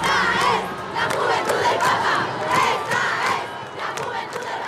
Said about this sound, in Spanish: El concierto duró una hora y terminó con la ovación del público.